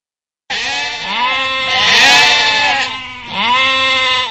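A loud sheep bleat, a long wavering baa that swells and then dips before a second, shorter bleat follows right after. There's no talking or other background noise.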